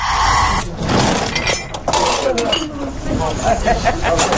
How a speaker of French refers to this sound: Et entre autres, dans un endroit où il se rend régulièrement, au marché aux puces de Saint-Eustache. Tiens, on y va nous aussi.